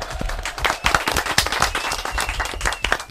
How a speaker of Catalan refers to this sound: Molt bé, un aplaudiment, eh?